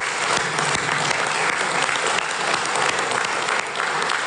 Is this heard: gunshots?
no